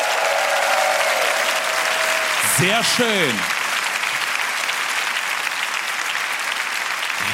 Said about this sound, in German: Ich brauche jetzt Applaus, ich brauche Lacher.